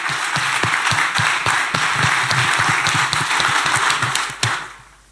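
A crowd applauds steadily for about four seconds, dense overlapping claps forming a loud, even wash before it drops away and fades out in the last second.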